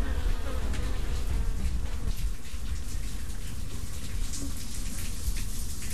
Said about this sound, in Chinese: 为了方便蜜蜂出入，假道士还刻意在碗橱上钻了四个孔，但是蜜蜂们似乎还是喜欢这样自由的往来。